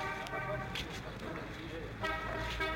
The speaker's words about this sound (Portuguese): diretamente da cidade de Bom Conselho, Pernambuco. Na Avenida Tenente Raul de Holanda, o trânsito está fluindo normal.